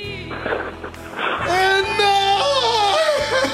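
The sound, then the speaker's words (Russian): A fairly loud voice whimpers and sobs in a wavering, quivering cry that rises and falls in pitch for several seconds, with a low hum underneath. “Вы плачете или?”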